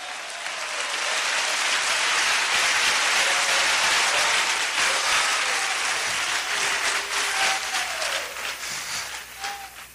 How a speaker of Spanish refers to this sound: Fuerte esas palmas para Dios.